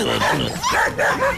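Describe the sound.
A person imitates how a dog named Costeño might bark, giving three quick, loud, yappy barks in a row, with no other sounds around them.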